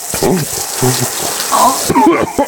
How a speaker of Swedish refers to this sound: Jag kommer nu att börja duscha honom över handduken här.